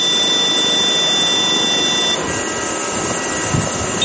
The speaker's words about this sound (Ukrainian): Борт заживлено, останні приготування і безпілотник готовий до злету.